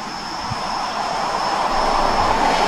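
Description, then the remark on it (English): A steady, broad roar of an airplane passing overhead, swelling slightly louder over a few seconds with a faint high whine riding on top. No voices. “I hear another plane, unless that's the wind.”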